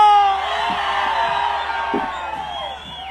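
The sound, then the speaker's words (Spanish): A crowd erupts in loud, sustained Mexican gritos and shouting, with high whooping cries and yells layered over one another, dense, fading slightly toward the end. “Así que todo aquel que se sienta bien orgulloso y bien chingón de ser ranchero, ¡aviéntense en un pinche grito!”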